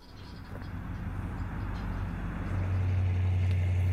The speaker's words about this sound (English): That's a video. It means you got to listen to a car drive around a little bit here.